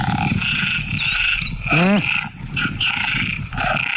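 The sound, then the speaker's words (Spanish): Tree frogs call in a dense chorus of steady, high-pitched trills over low, rough croaking, with one loud, harmonic call sweeping quickly downward in pitch midway through. “Las hembras de ranas arborícolas tardan más en elegir pareja cuando oyen demasiados cantos”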